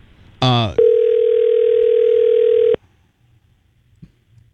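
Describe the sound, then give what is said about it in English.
A telephone dial tone on a call that goes unanswered: a short, bright electronic warble followed by a loud, steady, unbroken tone that holds for about two seconds, then cuts off into near silence. “He won't answer the phone now.”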